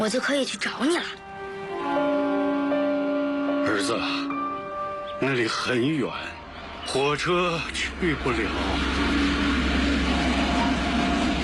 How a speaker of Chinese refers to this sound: 哎，你听。 儿子，听什么？ 火车呀！每次看到火车，我就想要是能坐在火车上。